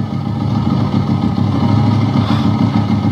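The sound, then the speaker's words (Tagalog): A motorized tricycle engine runs steadily, a loud, continuous low rumble with a throbbing idle rhythm that holds for the whole few seconds, no voices over it. “Kaya medyo daghana kayong mga tricycle karon nagpamasahero.”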